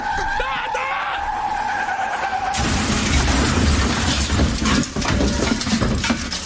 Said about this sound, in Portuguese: Pra mim, nota 8. Foi uma batida legal. Nota 7,5.